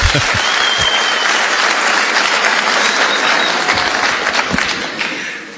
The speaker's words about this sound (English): Why are they clapping? What did you say?